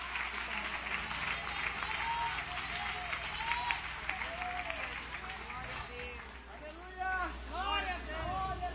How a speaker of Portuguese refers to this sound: Palmas que louve e adore o Rei Jesus.